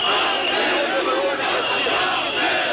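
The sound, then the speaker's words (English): A large protest crowd of thousands in Tirana, Albania, protesting a resort deal, chants and shouts together, a dense, steady roar of many voices filling the scene without pause. “Plastic replicas of the pink birds bobbed above the crowds in Tirana, Albania this week as thousands protested a resort deal they say has moved ahead with little transparency.”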